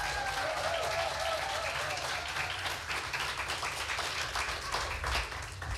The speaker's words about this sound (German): Er kommt aus Husum. Heißt auch ihn bitte mit einem 10-Punkte-Applaus hier vorne willkommen.